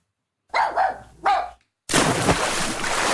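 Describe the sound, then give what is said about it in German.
A dachshund and a German shepherd bark, three quick barks in a row, at an outdoor public swimming pool opened to dogs after the human swimming season, followed by a sudden loud, continuous rush of splashy water noise at the pool. “Hey, da, der Dackel und der Schäferhund, nicht rennen am Beckenrand.”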